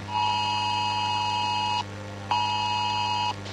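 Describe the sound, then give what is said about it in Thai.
Two long, loud electronic alert tones sound one after another, each steady and piercing for well over a second with a short gap between them, a phone emergency alert warning of continuous heavy rain and possible flash flooding, with no voices. “ป้าครับพ่อแจ้งเตือนแล้วก็บอกว่าฝนตกหนักต่อเนื่องในพื้นที่ผักตายให้เตรียมพร้อมรับมือตกกระไพน้ำท่วมฉับพลัน”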